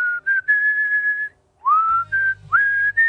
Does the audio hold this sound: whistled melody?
yes